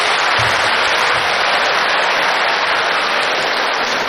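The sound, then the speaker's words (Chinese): A loud, steady burst of audience applause, a dense wash of many hands clapping that stays at the same level for about four seconds, with no one speaking over it. “哎，你这个掌声太少了，掌声，掌声，掌声，掌声，掌声，掌声，掌声，掌声。”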